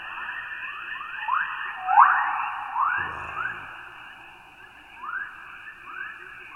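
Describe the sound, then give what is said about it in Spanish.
A sonified recording of Earth's magnetic field: a steady, hissing electronic drone layered with repeated rising chirps and whistles that swell and fade, with no voices. “Incluso el campo magnético produce un zumbido, una especie de latido planetario. Así suena nuestro planeta.”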